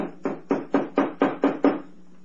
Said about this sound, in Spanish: Han llamado a la puerta y Solín se estremece.